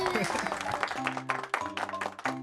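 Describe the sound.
An audience claps steadily in a dense, close burst of applause lasting a few seconds, with voices talking over the clapping.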